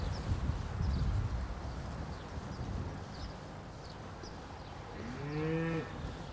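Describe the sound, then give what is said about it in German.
A single low, drawn-out moo from a cow that has just calved and is pushing out part of her uterus rises near the end, fairly loud, over a steady background of rustling and faint high chirps. “Du, wir haben eine Kuh, die hat gerade gekalbt, die drückt sich die Gebärmutter raus.”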